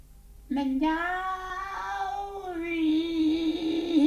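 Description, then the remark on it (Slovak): A person calling for a tomcat imitates a cat with one long, drawn-out meow that rises and wavers for several seconds. It is loud and heard alone, with no other talking. “Kocúr! Mňauk!”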